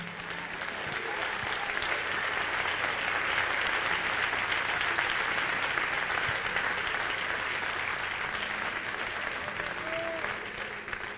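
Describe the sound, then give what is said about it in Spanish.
A church audience claps their hands to praise God as King in worship, sustained, dense applause, loud and steady for about eleven seconds, with faint voices mixed into the crowd noise before it tapers slightly at the end. “Dele palmas al Rey.”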